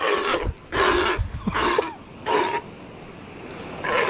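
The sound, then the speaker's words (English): An Australian sea lion calls out in a series of about five loud, harsh, honking barks in an uneven rhythm with short pauses between them. No one speaks. “That is an Australian sea lion.”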